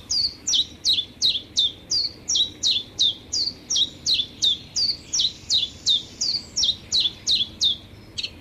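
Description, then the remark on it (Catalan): A common chiffchaff (Phylloscopus collybita) sings its steady, repetitive two-note chiff-chaff song, around twenty evenly spaced high notes, clear, over a low background rumble with no talking. “Mosquiter comú. Filoscopus colivita. Ocell hivernal que trobem d'octubre a abril als rius i zones humides, platges, roques, camps de conreu i zones boscoses.”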